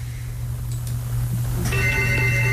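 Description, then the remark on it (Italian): A telephone ringtone begins partway through, its bright electronic tones sounding clearly over a steady low hum, with no one speaking. “Nel frattempo rispondiamo al telefono.”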